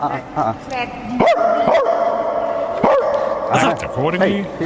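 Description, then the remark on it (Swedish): People trade imitation dog barks back and forth at a royal palace, short yelping woofs and whiny yips overlapping in a loud exchange with a steady hum underneath. “Alltså, jag tycker att han är ganska bra på att hamma hund.”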